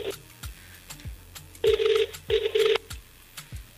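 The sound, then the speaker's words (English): Two short back-to-back bursts of an outgoing telephone ringing tone, fairly loud and slightly harsh, as a call is placed to a contest winner, over a faint background with soft periodic clicks and no talking. “It's ringing.”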